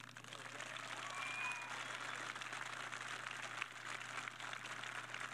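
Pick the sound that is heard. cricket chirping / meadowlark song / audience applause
audience applause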